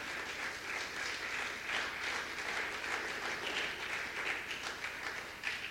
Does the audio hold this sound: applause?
yes